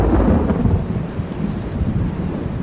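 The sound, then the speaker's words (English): A deep, sustained rumble of thunder from a thunderstorm breaking on the horizon over the countryside on a summer afternoon rolls steadily for a few seconds, loud and low, with a faint wash of rain hissing over it. Nobody speaks. “While I was still a few miles from home, a thunderstorm broke on the horizon.”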